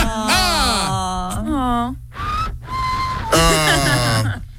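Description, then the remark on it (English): A person on the phone whistles a short, thin, plaintive melody, fairly soft, framed by drawn-out moaning vocal sounds before and after. “So, oh, I think we have the sad whistler on the phone.”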